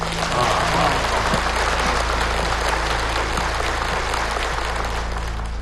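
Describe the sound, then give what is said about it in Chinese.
Sustained warm applause from a crowd of Shanghai stock investors welcoming a financial expert, Mr. Zhang, onto the stage as the day's trading opens, a dense, steady clatter of many hands clapping at an even loudness for several seconds, with no voices over it. “现在大家热烈鼓掌，欢迎张先生登场。”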